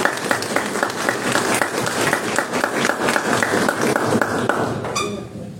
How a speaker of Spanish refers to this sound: Bien, seguimos con el candidato Percy Bazán por Somos Perú. Un aplauso para el señor Percy.